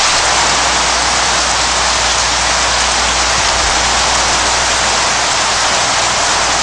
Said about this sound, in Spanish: Está lloviendo otra vez. Nos ha pillado de nuevo el chaparrón justo al salir del rancho